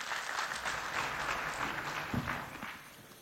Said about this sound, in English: Let's welcome him with a clap, please.